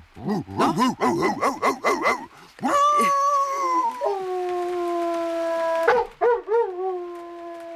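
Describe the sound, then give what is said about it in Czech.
A human voice imitates a dog, starting with a quick run of about eight yapping barks, then a long, loud sustained howl, and ending with a few more short yelps. “Já jsem dělával bezhlavýho psa. Tak ukáž.”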